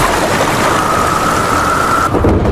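A heavy downpour roars steadily, with a deep low rumble of thunder underneath and a faint thin whine running through the middle before the rain briefly shifts near the end.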